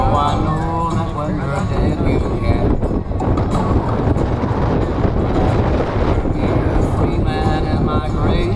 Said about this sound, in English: There you go. It's so windy. It's like so windy.